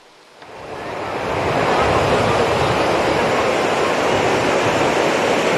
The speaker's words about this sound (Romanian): Ei, avem valuri foarte mari, turiștii nu prea au voie de loc în apă. Furtuna a modificat curenții din mare, așa că salvamarii au fost nevoiți să arboreze steagul roșu.